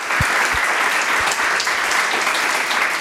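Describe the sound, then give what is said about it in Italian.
A crowd applauds steadily, a dense wash of many hands clapping at a constant loud level for the whole stretch, with no voices standing out. “Un applauso, assolutamente.”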